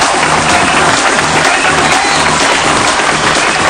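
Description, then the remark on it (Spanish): An audience at the start of a Friday show applauds loudly and steadily, the dense clapping mixed with cheering and shouts, filling the whole stretch without a pause. “Quiero saber si hay aplausos o ovación.”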